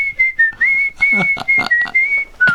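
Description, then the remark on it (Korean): A person outside whistles a short melodic tune from a distance, a clear steady tone broken into several sustained notes and brief pauses, fairly loud, with no talking. “소심하게 내가 안 간 걸 티내기 위해서 멀리서도 휘파람 부는 거야.”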